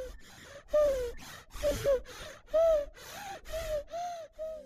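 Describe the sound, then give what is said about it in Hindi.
A baby's labored breathing: a steady series of about seven short, strained breaths, each carrying a thin, whining, cooing tone, repeating in quick rhythm with no talking. “ये है मेरे बच्चे की आवाज जब उसको सांस में तकलीफ है।”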